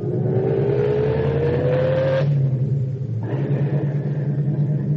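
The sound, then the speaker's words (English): A taxi's engine roars steadily as it drives off north on the post road, its pitch climbing as it accelerates, then dropping briefly as it shifts gear before pulling on again, loud and continuous throughout. “Start driving.”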